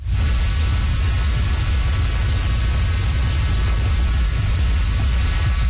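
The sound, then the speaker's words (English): A dense, steady whooshing hum and buzz from millions of monarch butterflies in Mexico's Monarch Butterfly Biosphere Reserve, loud and unbroken like rushing water, with a faint high tone above it and no voices. “It is actually the hum and the buzz of millions of monarch butterflies in Mexico's Monarch Butterfly Biosphere Reserve.”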